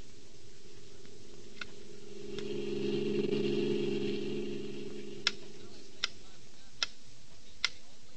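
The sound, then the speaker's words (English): A metronome ticks with sharp, evenly spaced clicks, faint at first and then crisper toward the end, over a steady low droning hum that swells briefly in the middle. “A metronome, a small, precise time interval measuring instrument that most pianists use.”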